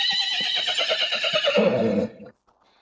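A horse whinnies loudly in one long, shrill, quavering neigh lasting about two seconds, then it breaks off abruptly into near silence.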